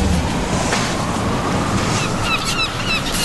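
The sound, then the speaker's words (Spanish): Steady sea waves and a breezy wash of wind fill the scene, with a few faint bird chirps rising near the end. No one speaks. “Con aves y con todo, mar, brisa, de todo.”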